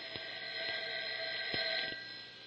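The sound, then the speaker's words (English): A telephone rings continuously for the whole stretch, a bright, buzzing high-pitched tone at steady volume, with a few faint clicks beneath it and no voices. “That wasn't your phone. It was mine.”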